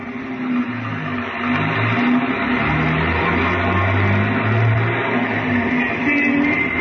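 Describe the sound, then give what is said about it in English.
A big car drives steadily along the airport road, its engine humming in a low, continuous drone with a wash of road noise, the pitch shifting slightly as it moves. No one speaks. “We started for a big car in the corner.”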